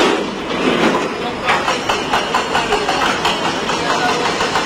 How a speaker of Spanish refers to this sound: Este es el sonido en directo de esos trabajos para poder recuperar a personas entre los escombros.